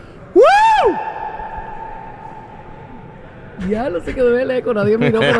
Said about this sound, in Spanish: ¿Se escuchó el eco? Todo el mundo ve, sí, se escuchó el eco.